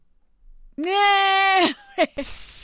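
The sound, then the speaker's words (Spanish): A person imitates a hairspray can with their mouth, acting out a 1980s hairstyle set over a can on the forehead and stiffened with spray, ending in a short, loud, airy hiss. Before it comes a drawn-out, bleating vocal tone and a brief grunt. “un montón de Sprite, hasta acababas la botella y había una marca en específico que todo el mundo utilizaba y con eso el cabello te quedaba tieso.”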